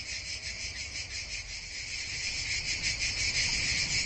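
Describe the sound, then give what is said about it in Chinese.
A continuous, shrill buzzing song of male cicadas in summer, made by the sound organs on their abdomens, drones steadily throughout. It is high-pitched and unbroken, growing slightly louder toward the end, with a faint low background rumble and no voices. “雌性不发声，但是腹部有听器，能够吸引到雌性的最大才华就是雄性连续不断的蝉鸣。”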